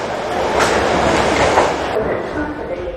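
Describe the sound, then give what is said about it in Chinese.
A subway train runs steadily along the rails during an hour-long subway ride to the Air Force General Hospital, a loud, continuous rumble with a faint metallic edge that holds throughout. “经过7个小时的长途跋涉和1个小时的地铁，大军的父亲终于抵达了空军总医院。”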